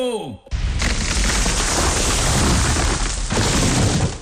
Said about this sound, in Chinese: 嗨，你听到了吗？每次抽纸的背后，都有电锯和大树倒下的声音。